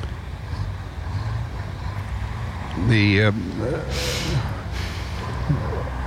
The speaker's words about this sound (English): we've got some Mercedes-Benz trucks moving along and turning into Elbow Street